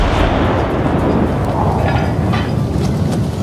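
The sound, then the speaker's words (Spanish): A celebratory cannon shot, fired by John Rackham aboard the ship Williams, booms into a deep, heavy rumble that rolls on loudly for a few seconds, dense, with no voices. “Así que, cegado por la felicidad, encendió una mecha y disparó un cañonazo de celebración.”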